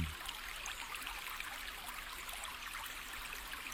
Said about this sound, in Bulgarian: Абе, едва ли помогнахме кой знае колко на драгия ни слушател. Всички разбраха, че сме на брега на една река, ама то реки у нас много.